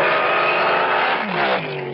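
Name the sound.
race car engine revving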